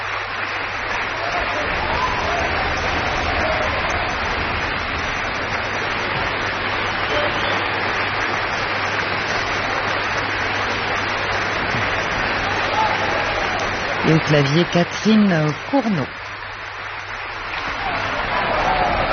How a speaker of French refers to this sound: qui invite les différents musiciens à se lever pour recueillir les applaudissements.